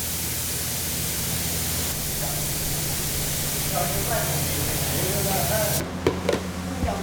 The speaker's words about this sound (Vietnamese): Ngày nay, nhiều cơ sở đã ứng dụng kỹ thuật hiện đại vào quy trình phun sơn. Chỉ với chiếc máy phun sơn này, một ngày có thể hoàn thiện hàng trăm sản phẩm.